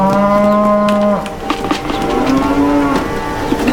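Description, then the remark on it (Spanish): Beef cattle on a family ranch moo loudly: one long, drawn-out low bellow, then a second shorter moo after a brief pause, with no one speaking. “Estas son vacas lecheras. Son vacas de carne, no lecheras.”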